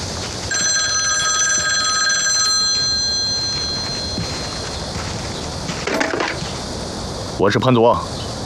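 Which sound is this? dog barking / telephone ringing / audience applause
telephone ringing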